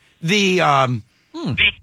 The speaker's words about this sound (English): I'm humming so I don't cry.